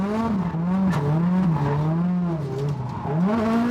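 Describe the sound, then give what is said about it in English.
A race car engine drones loudly and steadily as the driver dials in the line on a track new to him, its buzzing pitch dipping and climbing as the revs shift, with no voices over it. “Just dialing in the line, getting used to the car. New to the track as well.”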